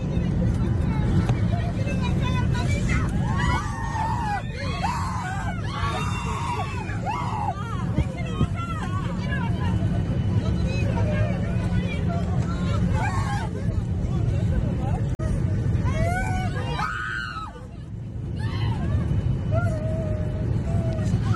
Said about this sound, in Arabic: مرة أخرى نستمع إلى هذا الصراخ داخل الطائرة عندما حاول الطيار على ما يبدو الهبوط بشكل حاد محاولا تحطيم الطائرة.